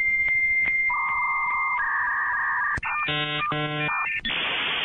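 A dial-up internet modem connecting over a telephone line: steady tones and beeps give way to warbling, stepped screeches and a harsh hissing burst, loud with no talking.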